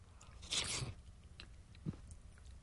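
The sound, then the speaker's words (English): A wet slurp of broccoli cheddar soup, tasted from a bowl, rises briefly, then fades into quieter mouth sounds and a small smack, with no talking. “Slurping some soup.”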